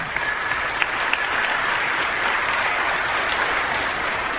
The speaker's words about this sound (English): Amen. We can clap for that.